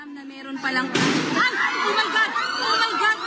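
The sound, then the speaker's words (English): A single sharp, loud gunshot cracks out about a second in at the Philippine Senate building during a military lockdown, followed by a burst of noisy commotion with several voices talking and shouting over it. “Well, as you can hear there, rounds of gunfire were heard, but officials have not revealed who fired those shots.”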